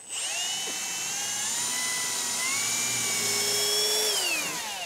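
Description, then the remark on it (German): A power drill whines steadily for several seconds, its pitch sagging and rising as the bit bites into material while drilling 8 mm holes, with no talking over it. “Nee, bohren tut das einmal frei.”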